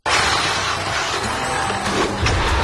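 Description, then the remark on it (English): A car crash sound effect in a radio advertisement for Pete's Auto Body collision repair: a sudden loud collision followed by a continuous harsh crunching, scraping roar that lasts a couple of seconds, heavy, with no voices. “That was a hard hit. Looks like your car just got body checked by Life.”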